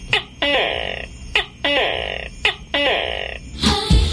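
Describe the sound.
On a morning radio program, a human voice imitates a tokay gecko's call, giving three loud, evenly spaced two-part croaks, each a sharp click-like onset followed by a long, buzzy, nasal tone, with a short burst at the end.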